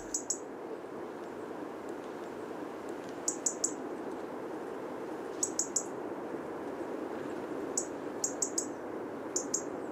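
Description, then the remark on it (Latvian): Bluethroat calls: sharp, high ticking clicks like snapping twigs, in quick clusters of two or three, repeating every couple of seconds over a steady, rushing background hiss. “Jo sarkanrīklītes sauciens ir tādi tikšķi, kas atgādina zaru laušanu, sīku zariņu laušanu krūmos.”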